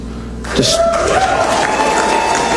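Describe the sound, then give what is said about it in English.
A crowd at the Freedom Tower in Miami suddenly erupts in loud cheering about half a second in, reacting to acting attorney general Todd Blanche announcing an indictment of Raul Castro; a dense roar of shouting voices and clapping holds steady and loud until the end. “And at the Freedom Tower in Miami, the crowd erupts.”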